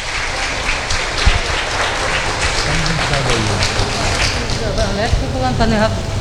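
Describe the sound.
An audience breaks into sustained applause, a dense, steady wash of many hands clapping at even loudness, with faint voices murmuring underneath.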